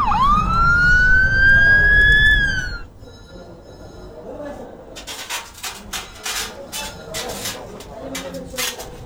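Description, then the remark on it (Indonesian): An ambulance siren wails loudly, rising in pitch for a couple of seconds before cutting off abruptly, followed by quieter rustling, shuffling and background commotion. “Panggil ambulan, cepet-cepet. Ini sopirnya pingsan.”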